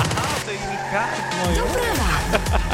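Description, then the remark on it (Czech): A short, loud radio traffic report jingle built around a car skidding, with tires squealing in sweeping, wavering tones over dense musical backing for just under three seconds, introducing a check of the roads for traffic accidents. “To mělo znamenat, že se mrkneme na cestu, jak to vypadá, jestli máme nějaké dopravní nehody nebo nemáme.”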